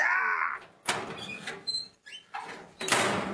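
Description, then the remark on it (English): A shrill, high-pitched scream gives way to a series of loud, harsh metallic clangs, like a heavy metal door banging shut several times. No one speaks. “It's a two-word titled movie, and the first word is obviously something to do with pain or screaming, and the second word is something to do with a metal banging door.”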